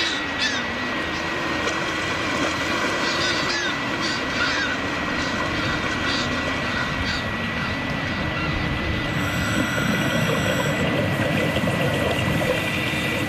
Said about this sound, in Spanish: Al amanecer en el puerto de la isla de Cabrera. Aquí, al aire libre, en nuestro medio, el sonido me resulta familiar, tranquilizador.